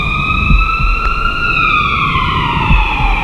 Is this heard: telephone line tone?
no